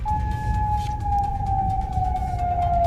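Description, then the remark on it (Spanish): An air raid siren in Bahrain wails at night with a single sustained tone that slowly slides downward in pitch, loud and continuous over a low rumbling background, with no voices. “Precisamente en ese país, en Bahrein, este ha sido el sonido de la noche.”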